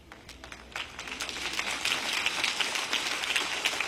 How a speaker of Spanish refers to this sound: ¡Ay, no les gustó esa parte! ¡Qué aplauso tan débil!